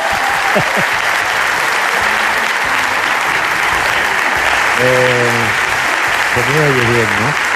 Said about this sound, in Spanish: Claro, tanto aplauso.